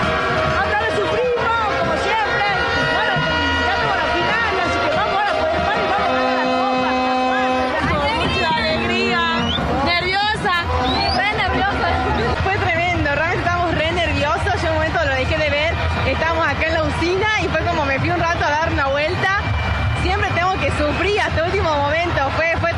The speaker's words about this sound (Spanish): ¿Se escucha vos con los efectos del grito de los goles? Acá viene. Estos son los hinchas. ¡Espectacular!